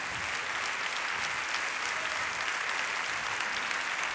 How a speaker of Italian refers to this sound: Il primo applauso vorrei che fosse rivolto alla grande orchestra del teatro dell'Opera di Roma.